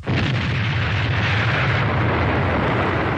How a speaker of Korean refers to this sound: 얼마 뒤 강에서 하늘과 땅을 뒤흔드는 소리가 울리고 처절하게 울부짖는 소리가 이어지더니 다리가 끊기었다. 사람들이 그 자리에서 강물로 떨어지었다.